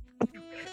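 A single short, sharp cough, followed by a quiet stretch with a faint steady hum and no talking.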